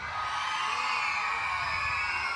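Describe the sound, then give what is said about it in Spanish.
A crowd of young girls in an audience shouts together in one sustained, high-pitched roar that holds steady for a couple of seconds, dense and loud like an audience screaming on cue. “¿Quién grita más fuerte?”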